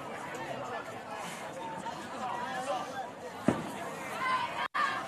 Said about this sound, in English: As it is a fully dark sky here in Florence, South Carolina. Fireworks starting to go off in the distance, lighting up the sky. Nothing more American than that